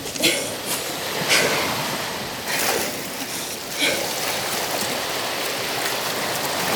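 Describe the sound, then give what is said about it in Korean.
Steady rushing water with a few sharper splashes at intervals as someone strides back into the sea, legs pushing through shallow sea water over a constant wash of waves. “나는 다시 바닷속으로 성큼성큼 걸어갔다.”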